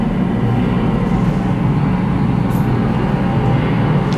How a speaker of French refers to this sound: Ah oui, on commence à entendre les avions qui arrivent.